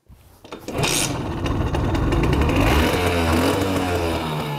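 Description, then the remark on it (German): A small two-stroke East German Simson S51 moped engine from 1983 starts up and runs with a loud, steady, rattling putter, its low pitch rising slightly as it revs. No one speaks. “Das knatternde Stück DDR-Fahrzeuggeschichte hat auch einen Syrer begeistert, der alte Simsons gekauft hat, um sie dann wieder in Schuss zu bringen.”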